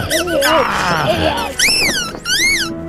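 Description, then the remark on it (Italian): A rubber chicken being stuffed into a man's mouth squeaks loudly over and over: a jumble of wobbly, honking squawks, then two long, high-pitched wails that bend up and back down. “cercando di soffocarlo, infilandogli in bocca un pollo di gomma.”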